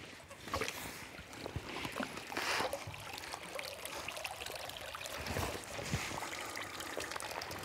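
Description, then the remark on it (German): Water steadily drains and trickles through the fine net mesh of a cage holding Baltic whitefish as the cage is lifted out of the water, about 8 tonnes of water passing through; a continuous splashing, dribbling rush with small irregular gurgles and drips throughout, no voices present. “Das ganze Wasser muss erstmal durch die ganz feinen Maschen durch.”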